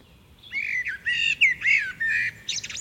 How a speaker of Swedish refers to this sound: Det är en koltrast. Ja, det är det ju.